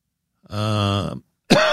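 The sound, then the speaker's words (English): A loud, drawn-out voiced throat clearing lasts under a second. After a short pause comes the sharp onset of a raspy cough, with no speech. “I had myself convinced early this morning that this cough is finally gone, and all of a sudden, here it is again.”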